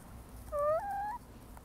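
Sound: chickens clucking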